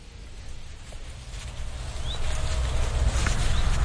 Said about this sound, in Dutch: Hoor je dat? Daar? Die alarm roep, vuut, tik, vuut, tik. Ja. Dat zijn die alarmerende ouders bij het nest van die roodstaartjes. Dit zijn gekraagde roodstaarten. Dit is het alarm van de gekraagde roodstaart.